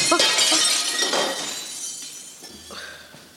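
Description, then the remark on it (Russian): A pane of window glass, hit by a thrown stone, smashes with a loud, bright crash, followed by scattered tinkling of falling shards that fades over a few seconds. No voices are heard. “Опять стекло высадили.”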